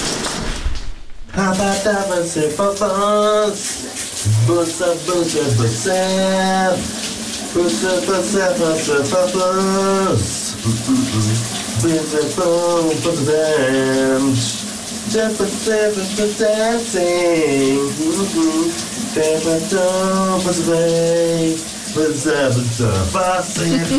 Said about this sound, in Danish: Han synger altså en ikonisk sang i dag i bruseren